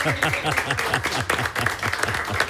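Steady, dense applause from a crowd, many hands clapping at once, with voices calling out underneath throughout.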